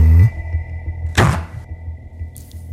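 A fridge-freezer's freezer compartment door closes with one soft, muffled thunk over a faint steady electrical hum that continues before and after.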